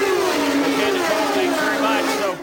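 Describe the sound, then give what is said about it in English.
A loud, steady roar of high-revving race car engines on a very noisy pit lane during a race, with a harsh whining drone and shifting pitch as cars pass. “So Nicole Mansky down there on what is a very noisy pit lane, and we are approaching the halfway point.”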